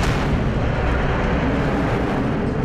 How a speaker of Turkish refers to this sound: Bir patlama daha oldu şimdi. Bir patlama daha oldu. Türkiye Büyük Millet Meclisi vurulmaya devam ediyor.